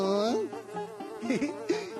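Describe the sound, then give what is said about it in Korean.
A dung fly buzzes for about two seconds, a steady droning hum whose pitch swoops up and down as if it darts around, with no talking. “똥파리님! 가루, 가루, 꽃가루도 데리고 가주세요.”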